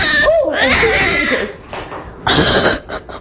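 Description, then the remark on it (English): A cat growls with a wavering, drawn-out yowl, then lets out short, breathy warning hisses in a couple of sharp bursts, loud. “Oh, yeah, but do you hear the moment where it goes the low growl and then, oh, that's when the cat smashed her in the face with claws out.”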